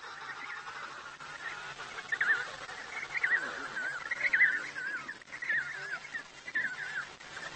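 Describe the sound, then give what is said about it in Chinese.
A penguin chick cries ever louder, urgently wanting its mother to feed it, as mother penguins listen to pick out their own chick: shrill, warbling calls repeating in bursts over a busy colony din of many other calling penguins, rising and falling insistently. “小企鹅叫得更响了，急切地希望得到母亲喂食。”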